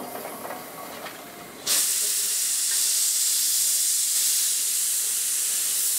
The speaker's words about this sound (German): Die leichte Personenzuglok war zuletzt auch hier in Hitoyoshi eingesetzt. Inzwischen ist sie eine der ältesten Dampflokomotiven in Japan.